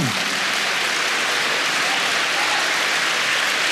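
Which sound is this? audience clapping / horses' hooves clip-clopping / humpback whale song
audience clapping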